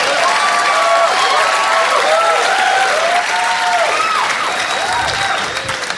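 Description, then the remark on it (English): A large audience in a theater claps loudly and steadily for several seconds as the performer takes a drink, a dense wash of applause with a few scattered whoops and cheers, tapering slightly toward the end. “You don't have to clap every time I take a drink.”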